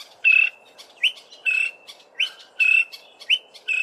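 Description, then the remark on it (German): A greater honeyguide calls repeatedly in a steady rhythm, with sharp rising chirps alternating with longer buzzy whistled notes, clear over a soft background hiss. “So klingt es, wenn der Greater Honeyguide, der große Honiganzeiger, auf sich aufmerksam macht.”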